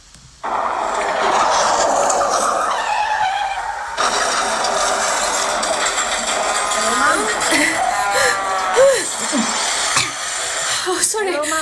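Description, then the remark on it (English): A steady rushing roar of a car being driven on the road, then rising and falling tire squeals of a skid, ending in a brief jolt of noise like an impact as the car crashes. “I just had a car crash.”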